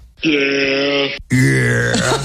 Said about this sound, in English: By the way, I found a goat noise. That's an actual goat. That's an actual goat. Yeah, sometimes they say yeah when they make noises. It's very strange.